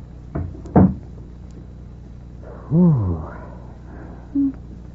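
A door swings shut with two quick knocking thuds as it latches, followed by a brief wavering, creaky tone and a soft low bump at the end.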